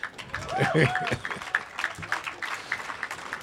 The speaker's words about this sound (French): Ils étaient dans ce qu'on vient d'écouter, on peut les applaudir.